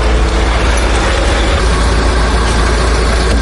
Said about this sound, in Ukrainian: 4 автобуси зі звільненими з полону сьогодні заїжджають тихо, без клаксонів. У вікнах стільки радості.